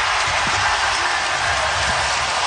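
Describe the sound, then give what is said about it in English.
A big Oklahoma City basketball arena crowd roars in a loud, steady wash of cheering after Gilgeous-Alexander hits a late shot, holding without a break, dense, with no distinct voices rising above it. “There's the crowd. There's Oklahoma City.”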